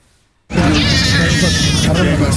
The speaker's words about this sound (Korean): 무너진 건물 틈에서 담요에 덮인 아기가 구조됩니다. 무슨 상황인지도 모른 채 그저 울음을 터뜨리는 아기. 태어난 지 9개월 만에 생지옥을 경험했습니다.